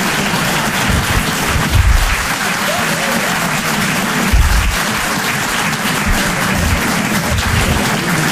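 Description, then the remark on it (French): A Paris audience at a live evening show claps loudly and steadily for several seconds, applauding themselves, a dense wash of applause with occasional low thumps and faint voices mixed underneath. “wow, ouais, c'est bien public, vous pouvez vous applaudir très très fort, merci à tous pour cette soirée.”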